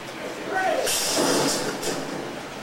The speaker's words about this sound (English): And that fearsome subway train isn't what it appears to be either. But at least the crew makes sure it arrives on time.